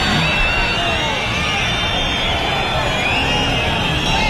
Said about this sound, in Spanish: Ahí empiezan los abucheos, los pitos, fuera, y añadió el ministro tras la interrupción.